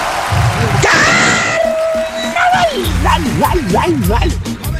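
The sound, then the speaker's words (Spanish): A man lets out a loud, drawn-out yell in imitation of a band's signature cry, starting with a rising whoop, holding a long steady note, then breaking into a wavering, warbling trill. “El mismo gritito que se mandó nuestro pariente.”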